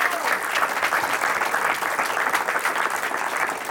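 An audience breaks into steady applause, a dense, sustained patter of many hands clapping at an even loudness for the whole stretch, with no voices rising above it.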